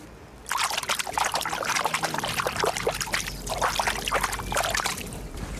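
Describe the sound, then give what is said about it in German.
Water laps and splashes steadily at the shore of the Krähenteich pond, a continuous run of small, irregular bright sloshes and trickles with no voices, starting abruptly after a brief quiet moment. “So klingt der Krähenteich und ich weiß auch, was er gerade gesagt hat.”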